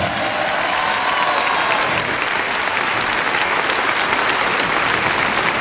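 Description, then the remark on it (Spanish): A church audience applauds for Christ in steady, loud clapping that holds an even level throughout, a dense wash of many hands with no voices rising above it. “Ese aplauso es para Cristo Dios.”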